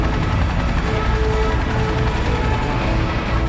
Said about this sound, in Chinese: 17架直升机组成81标志，象征着人民军队的81起点。